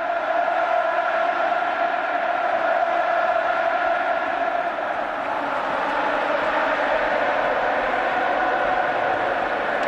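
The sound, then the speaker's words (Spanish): A huge stadium crowd roars and cheers from the stands, a dense, steady wall of voices that holds at full volume for about ten seconds without a break, with emotional fans in the stands, some of them crying. “La gente llorando en la grada, ¿eh?, de la emoción.”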